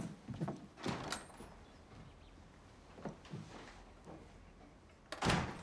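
A front door in a hall being closed after goodbyes: a few muffled knocks and rattles as it swings and shuts, ending in a firmer thud. The sounds are moderately quiet, with no talking.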